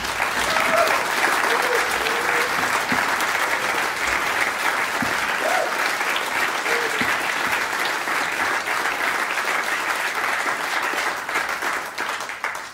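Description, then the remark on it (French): Sustained applause from an audience for two guitarists, a dense, steady wash of clapping that stays loud for over twelve seconds, with a few faint cheers or voices rising through it before it begins to taper at the end. “Et ça, c'est vraiment, il faut vraiment applaudir pour les deux grands guitaristes, vraiment.”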